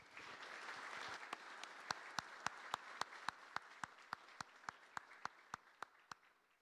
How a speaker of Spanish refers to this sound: Entonces, sean bienvenidos y los acogemos con un fuerte aplauso a nuestro seminario.